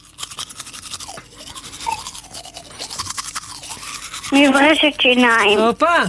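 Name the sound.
toothbrush brushing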